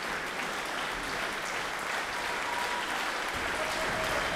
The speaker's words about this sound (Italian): Ecco come senti tanti applausi da parte del pubblico qui del Malibran, ecco si siede, quindi ci sarà un bis.